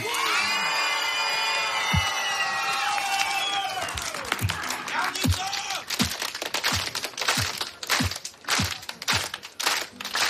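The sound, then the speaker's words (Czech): A crowd at a Frekvence 1 event whoops and cheers with high, sustained shouts, then breaks into loud, steady clapping that carries on with a few sharp claps standing out. “Dámy a pánové, první velký aplaus.”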